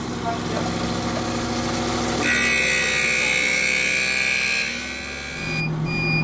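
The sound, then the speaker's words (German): A lens grinding machine hums steadily as it grinds an eyeglass lens with water; at about two seconds a louder grinding whine with a high tone kicks in and holds, easing off near the end. Steady mechanical drone, no talking. “Jetzt kommt Wasser, weil man kann nur mit Wasser schleifen. Und jetzt wird's laut.”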